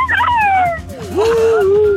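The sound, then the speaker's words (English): A working dog whimpers in long, wavering whines, one sliding downward and another rising then holding, like a plaintive attempt at singing. Fairly loud, with no one talking. “He's a working dog, I always say to the girls.”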